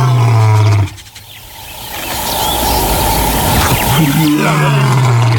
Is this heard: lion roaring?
yes